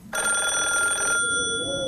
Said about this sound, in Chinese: 电话铃声猛地在一个楼里骤响，随着电话铃响，楼里亮出了一窗的灯光。